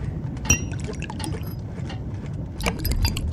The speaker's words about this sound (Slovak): Ulej rumu.